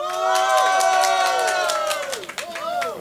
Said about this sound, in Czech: myslím, že jsme měli větší potlesk, i když ta ho měla taky teda velký.